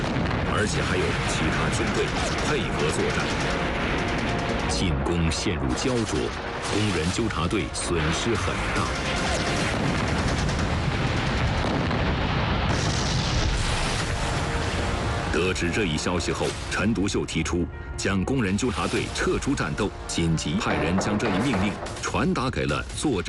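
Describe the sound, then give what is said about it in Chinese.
Dense, continuous battle noise at Zhabei railway station as workers' pickets attack warlord forces: rapid gunfire crackling over heavy booming artillery explosions, loud, filling the whole stretch with a few brief lulls, with voices mixed into the din. “然而，闸北火车站却依然枪炮声不断。”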